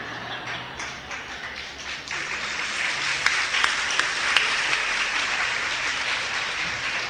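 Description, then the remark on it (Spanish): A crowd applauds steadily for several seconds, with women among those clapping, a dense wash of many hands clapping at once, with a few sharper individual claps standing out near the middle. “Las que aplaudieron me están dando la razón porque se casaron con su lagartija.”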